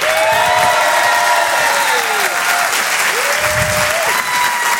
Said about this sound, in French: Je vous demande un tonnerre d'applaudissements